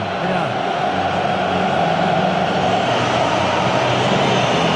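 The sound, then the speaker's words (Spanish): A large stadium crowd whistles while the song for the English team is played at a match between Argentina and England, in a dense, continuous wash of sound, loud and steady from start to finish with no breaks and no clear voices standing out. “Es el turno de ellos ahora. Por eso los silbidos.”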